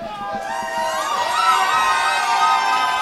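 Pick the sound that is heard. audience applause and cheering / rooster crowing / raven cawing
audience applause and cheering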